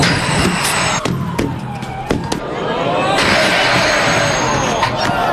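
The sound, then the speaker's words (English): Several sharp clattering knocks as giant bowling pins are knocked over by a tram at the European Tram Driver Championship in Warsaw, Poland, with the tram's metallic wheel squeal rising afterward, over a busy outdoor crowd murmur. “You may have tried 10-pin bowling before, but what about knocking over giant bowling pins with a tram?”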